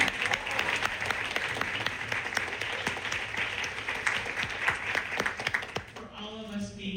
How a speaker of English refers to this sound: I'm gonna actually ask for a round of applause for this whole room again. Let's give it up.